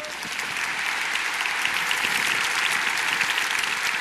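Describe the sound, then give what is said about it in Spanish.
An audience claps steadily for several seconds, a dense, even wash of hand claps that holds a constant loudness throughout with no voices standing out. “Un aplauso para nuestro hermano, ven.”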